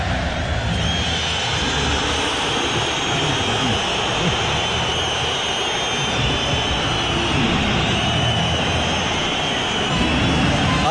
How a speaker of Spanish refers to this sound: Ahí anuncia el speaker oficial del Riyad Air del estadio, Julián Álvarez, y obviamente toda la gente chifla